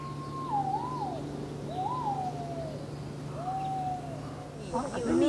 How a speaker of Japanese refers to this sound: ここに立ってると青バトが止まって鳴き声聞こえます。 集中的に青バトの鳴き声聞こえるってとこは多分予想にはないと思う。